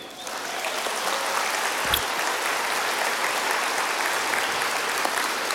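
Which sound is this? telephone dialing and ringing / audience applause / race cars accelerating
audience applause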